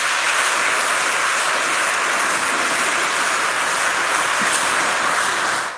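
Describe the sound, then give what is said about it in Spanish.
An audience applauds Christ at a church service, steadily for about six seconds, a dense, loud wash of many hands clapping at once that holds an even level before tapering off slightly at the end, with no voices. “Un aplauso a Cristo.”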